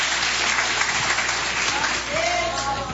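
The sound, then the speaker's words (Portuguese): A church audience claps loudly and steadily for Jesus, a dense wash of many hands applauding together, with faint voices mixed into the sustained clapping. “Palmas bem alegres para Jesus.”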